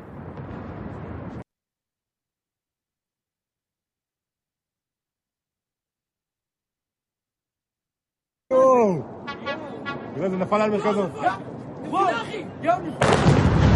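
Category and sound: sound effect, missile launch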